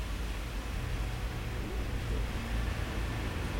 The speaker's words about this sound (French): sur le boulevard Saint-Germain passe un 63 avec une publicité pour les Galeries Lafayette, les cocotiers sont arrivés. Une voiture verte, une camionnette bleue qui tourne dans la rue du Four.